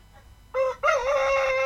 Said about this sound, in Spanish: ¡Bueno, un gallo! Oh, el gallo Claudio, el gallo Claudio. Salud para el gallo Claudio, oye.